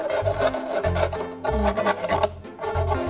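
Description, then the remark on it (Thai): Sandpaper rasps steadily against the edge of a plastic bottle just cut to make a plant pot, removing its sharp edges in quick back-and-forth strokes, a gritty scratching with a low thudding pulse that repeats about twice a second, with no talking. “นั่นก็คือเราจะเอากระดาษทรายค่ะเราจะใช้กระดาษทรายเนี่ยมาลบคมของพลาสติกที่เราตัดไปเมื่อกี้นะคะ”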